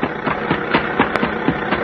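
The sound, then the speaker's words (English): A car engine runs steadily with a rough, throbbing idle, pulsing in an even rhythm about four times a second, fairly loud and alone with no voices. “Stop that car, huh?”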